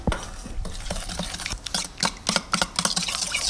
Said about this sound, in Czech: Úplně nakonec se perníčky ještě potřebují rumovou polevou. Na tu polevu potřebujeme moučkový cukr, přidáme tuzemák, trochu vody, promícháme.